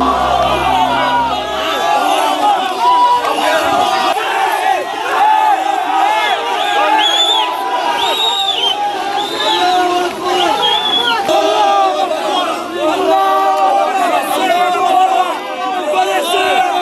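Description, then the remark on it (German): A large crowd of migrants in Ceuta, resisting the Spanish military's order to leave the town, shouting in tumult, many voices overlapping in loud, continuous yelling and chanting of "Allahu Akbar", with sharp cries rising above the steady roar throughout. “Es kommt zu Tumulten. Unter Allahu Akbar rufen widersetzen sich zahlreiche von ihnen.”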